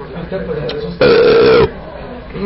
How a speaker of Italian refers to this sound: Questi panini fanno ruttare.